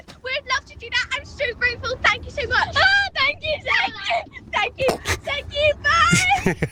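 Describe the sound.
Excited, high-pitched children's voices squeal and chatter in the back of a moving car, over a steady low road-and-engine rumble that runs beneath them the whole time.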